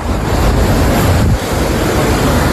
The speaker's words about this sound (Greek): Οχήματα παρασύρονται στη θάλασσα από τα ορμητικά νερά του Γουβιανού ποταμού που υπερχείλησε.